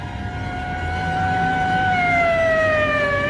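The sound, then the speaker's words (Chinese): A police car siren wails in a long, steady tone whose pitch slowly sinks as the car drives away, loud over a low rumble of traffic, with no one speaking. “警车拉着长长的警笛，又呼啸着驶去了。”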